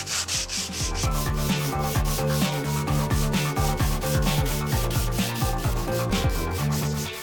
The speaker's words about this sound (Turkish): Kaplamanın zımparalama esnasında kaymasını engellemek için çift taraflı bant kullanıyorum. İşte böyle.